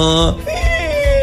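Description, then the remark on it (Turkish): A person imitates a donkey's bray with a loud, strained vocal call that starts high and harmonic, breaks, then drops into a long gliding wail, with rough breathy pulses underneath. “Eşek taklidi yapabilir miyiz acaba?”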